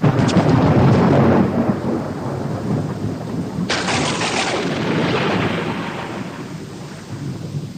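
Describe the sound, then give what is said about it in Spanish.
A raging storm late at night with heavy rain and rushing wind, punctuated by loud, rumbling cracks of thunder, one at the start and another midway, powerful, with no voices. “Bien entrada la noche, se ha desatado un temporal de lluvia y viento.”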